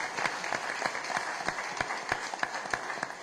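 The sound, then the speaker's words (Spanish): An audience applauds steadily for the young people of the group Siembra, a dense patter of many hands clapping at once, with a few sharper, louder claps popping out above the sustained wash of sound. “Y por último, démosle nuevamente y último aplauso a todos estos chicos de Siembra.”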